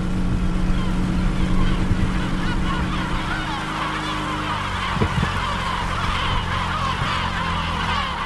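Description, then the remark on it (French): A loud colony of gulls, with more than 3000 nests on the island, cries and squawks continuously over the low steady drone of a boat engine as the boat lands at the island, the calls overlapping densely. “Et on débarque sur l'île, accueilli par les goélands.”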